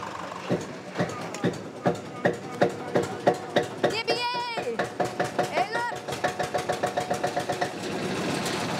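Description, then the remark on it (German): An old Deutz tractor engine, jump-started from a car, turns over and sputters to life, its heavy, slow chugs quickening into a steady, rapid knock, with a couple of brief high-pitched calls over it; the tractor is to mow grass for the horses. “Wird auch Zeit jetzt, denn der alte Deutz soll heute noch das Gras für die Pferde mähen.”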